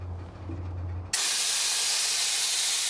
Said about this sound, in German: lässt Luft aus den Bremsen. So kann der Güterzug nicht wegrollen.